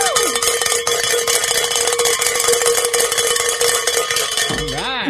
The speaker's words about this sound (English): It's always great to be able to ring the bell